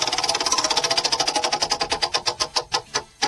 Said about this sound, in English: All right, I'm wheel. Spinning the wheel now. Okay. Yeah, I'm spinning.